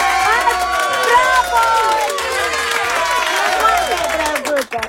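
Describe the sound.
A crowd applauds and cheers loudly and steadily, dense clapping mixed with many excited voices shouting over one another for several seconds.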